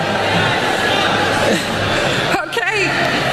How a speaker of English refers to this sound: She didn't think that she would possibly be booed for this when she went up in front of these students. They're art students.